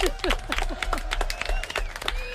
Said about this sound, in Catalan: Fort aplaudiment, molt bé.